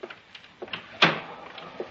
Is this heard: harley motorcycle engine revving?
no